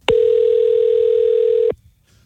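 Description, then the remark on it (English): A steady, unbroken telephone dial tone hums at a mid pitch for about a second and a half before a phone call to a boss, starting and stopping abruptly with faint clicks, then a brief quiet follows. “le quiso realizar una clavada telefónica a su jefe.”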